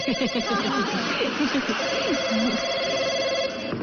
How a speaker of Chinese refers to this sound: 回来接电话。